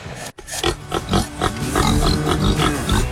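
Several pigs on a farm in Middletown, Missouri grunt and oink in quick, overlapping bursts, fairly loud, with a brief silent gap just before the squealing chorus picks up and continues steadily.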